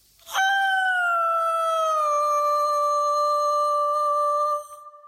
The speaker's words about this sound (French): Voilà qui conclut nos annonces sur un beau cri d'animal, un loup.